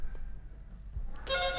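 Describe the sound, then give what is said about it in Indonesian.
A telephone ringing tone on a call to a listener phoning in cuts in near the end, a steady electronic buzzing tone after a stretch of quiet low hum, fairly clear. “Oke, masih berdering.”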